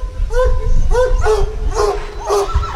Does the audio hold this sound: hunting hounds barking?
yes